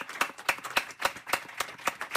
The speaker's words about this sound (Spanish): que estamos no Café Paf Ícaro, que pedimos un fuerte aplauso para o Ícaro, que acaba de cumplir, claro...